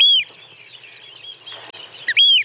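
A Eurasian oystercatcher gives loud, piercing whistled calls, one at the start and another near the end, with fainter overlapping piping in between, clear, with no voices.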